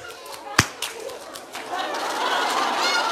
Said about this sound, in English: I'm going to give you a clap.